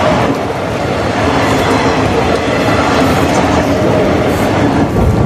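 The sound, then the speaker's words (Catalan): A train rumbles past in Ripoll, Spain, on a gray, rainy Sunday afternoon in March, a loud, steady roar of wheels on rails with faint rhythmic clatter, filling the whole few seconds without any voices. “Sento el so dels rius, algun cotxe i de tant en tant el tren.”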